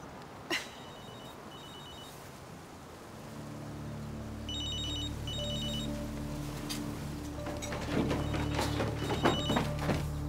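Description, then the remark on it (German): A telephone rings in repeated short double bursts over a steady low hum, with a thump at the start and some clattering and knocking toward the end. “Nicht auf dem Handy, verdammt.”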